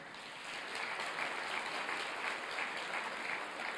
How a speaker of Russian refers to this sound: Я сегодня хотел бы, чтобы вы адресовали свои очень пламенные аплодисменты этим людям, пожалуйста.